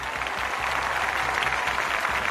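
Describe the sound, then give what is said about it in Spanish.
A crowd breaks into sustained applause, dense and steady clapping from many hands filling the whole moment at an even, moderately loud level, with no talking over it. “Aplaudid.”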